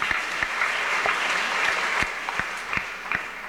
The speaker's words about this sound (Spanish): También estuvieron los de la comunidad de Plan Social con nosotros ayer, Catajá, brindemos fuertes aplausos para ellos también.